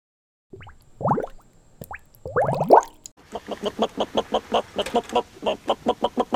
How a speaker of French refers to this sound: Ouais, elle réagit. Les oies, c'est dur de les faire parler.